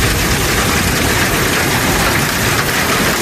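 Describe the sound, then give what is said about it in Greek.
Loud, dense downpour hammering a surface without pause, a steady roar of heavy rain and intense hail in the wider area of Larissa, with no voices. “Στην ευρύτερη περιοχή της Λάρισας, η χαλαζόπτωση σε συνδυασμό με την ισχυρή βροχόπτωση φέρνουν απόγνωση. Χαλάζει έντονο.”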